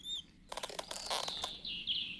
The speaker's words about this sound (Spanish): Shh, amigos, escucho un rechinido. Yo no escuché nada. Oh, sí. Ahora sí lo oigo. ¡Parecen ratones! ¡Ay, no, no! ¡Ratones! Ay, ay. Descuida, Lofty. No son ratones.